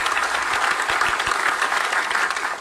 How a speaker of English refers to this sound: All right, let's count how long the standing ovation is here. It continues.